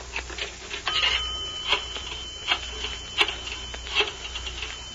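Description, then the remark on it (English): A telephone rings in short, bright bursts that repeat at a steady pace over a low, constant hum, with a thin, old-fashioned tone and no voices. “told him he would receive a phone call from his older brother, whom he hasn't seen for years.”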